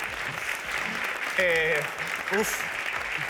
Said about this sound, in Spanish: Bueno, un aplauso para este dragoncito. Me encanta.